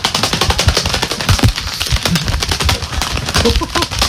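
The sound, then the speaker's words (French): Gloves are flapped together rapidly in a steady, fluttering burst of dry slaps, imitating the wingbeats of a big bird, a big pigeon, taking off, continuing loudly for several seconds. “Prends un gant et en fait, on va imiter un oiseau qui s'envole. Donc, il suffit de prendre des gants et de les faire claquer.”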